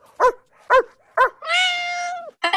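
Three short, evenly spaced barks ring out clear, followed by a long, drawn-out high-pitched cry and the start of another yelp at the very end.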